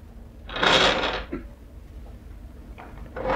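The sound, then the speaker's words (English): A drawer slides open with a rough scraping rush lasting under a second, followed by a soft knock and faint shuffling rustles as things inside are moved about to get out a photograph. “Yeah, I got one in this drawer.”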